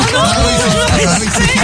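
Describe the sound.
A loud, steady burst of studio applause fills the whole moment, dense clapping mixed with cheering voices, applauding a departing guest on the RTL2 radio show Le Double Expresso.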